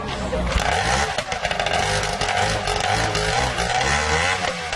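The engine of an old racing boat, taken back out of a museum and restored, roars steadily throughout as it comes to life, a loud, rough, buzzing drone with a throbbing low rumble and slight shifts in pitch as it runs.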